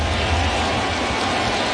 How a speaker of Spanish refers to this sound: El público se va poniendo de pie. Empiezan a batir palmas.